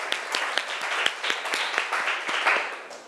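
A group bursts into applause, a dense, steady patter of many hands with a few sharp individual claps popping out above the rest, sustained at an even level for about three seconds.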